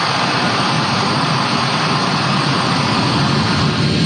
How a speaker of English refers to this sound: The last C-17 lifted off from Hamid Karzai International Airport on August 30th, this afternoon